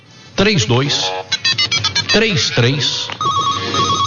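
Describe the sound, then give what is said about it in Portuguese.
A telephone bell rings in quick, rattling bursts amid swooping vocal-like sounds, followed by a steady electronic tone, all loud. “É só telefonar no telefone aqui, ó.”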